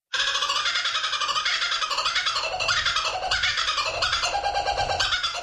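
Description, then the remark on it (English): A kookaburra's raucous laughing call, loud, with rapid cackling notes rising and falling in a continuous chorus for several seconds. No voices. “The kookaburra. It would be indeed. Correct.”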